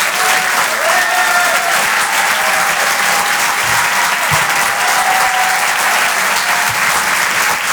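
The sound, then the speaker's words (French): Loud, sustained applause from a large audience fills the whole stretch, a dense steady wash of clapping with no pauses, occasional faint voices beneath it; the audience is applauding David Azencot, live on Rire et Chanson. “On peut l'applaudir très très fort, David Azencot, en direct sur Rire et Chanson.”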